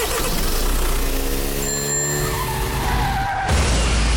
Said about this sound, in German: Ja, etwa so hat es heute Morgen in Zürich getönt mit dem Auto, das nämlich in eine Scheibe reingefahren ist von einem Laden. Ich finde das richtig krass. Die sind einfach in einen Secondhand-Laden eingebrochen mit dem Auto